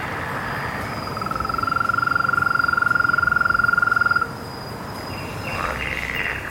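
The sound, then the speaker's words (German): A frog gives a steady, rapid trill lasting about three seconds, loud, set against a constant background hum of pond chorus, then stops abruptly. “Das ist Trillern. Hören Sie das?”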